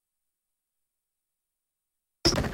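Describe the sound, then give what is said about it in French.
After a long silence, the heavy door of a bread oven is pulled open with a sudden, loud scraping clatter and a thin metallic squeak, cut off almost as soon as it begins. “Ici, on a le four à pain. Si on ouvre la porte.”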